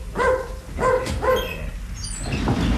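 A dog lets out three quick, high, whiny barks in close succession, somewhere between yelps and whimpers, followed by a moment of quieter rustling background noise.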